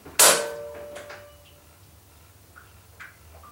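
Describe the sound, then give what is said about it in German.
A heavy door, blocked by a caretaker lying in front of the exit, is shoved open a crack with full force, a sudden loud knock followed by a long, fading metallic creak and a few faint ticks afterward. No one speaks. “Heike drückte sich mit aller Kraft gegen die Tür und öffnete sie einen Spalt.”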